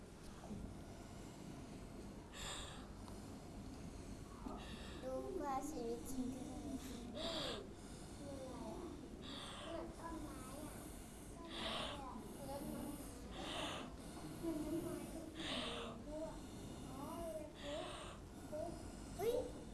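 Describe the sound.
A teacher blowing drops of paint through a drinking straw in a children's painting lesson: about eight short, breathy puffs of air at a steady rhythm every couple of seconds, with faint voices murmuring underneath.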